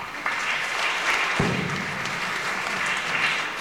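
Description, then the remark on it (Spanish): Steady, dense applause from a crowd for the local choirs Eco Celestial and Ungidos por Cristo, a continuous crackle of many hands clapping at an even loudness, with a single dull thump partway through. “También brindemos aplausos por los coros locales que han estado con nosotros en este momento, por el coro Eco Celestial.”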